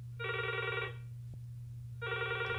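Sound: telephone ringing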